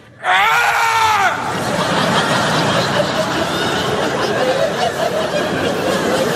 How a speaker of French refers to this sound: Une fois que je me sens prêt... Prêt. Là, je crie, comme ça, je fais...